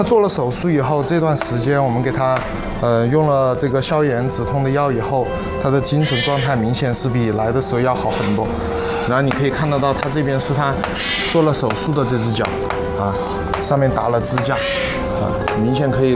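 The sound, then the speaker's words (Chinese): An owl with an injured foot, at a rescue hospital in Chengdu's high-tech zone, gives a warning call: loud, wavering cries repeated almost without pause, each rising and falling in pitch with a harsh, bleating edge. “哦， 他这个是在发出警告吧？”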